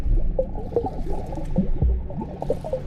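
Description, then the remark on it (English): Waves made by a person bobbing in a kidney-shaped swimming pool slosh and slap against the pool edge in irregular, splashy bursts, with wet squishing and gurgling, moderately loud and continuous with no voices. “I bobbed in the water, making waves and listening as they slapped against the edge of the pool.”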